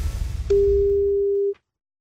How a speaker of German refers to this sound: dann haben Sie jetzt Ihre Chance, weil jetzt klingelt das Telefon und dann sollten Sie singen.